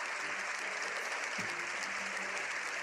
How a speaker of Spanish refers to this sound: Ha saludado a los miembros de la Cámara Baja antes de entrar al hemiciclo, donde fue recibido con una larga ovación.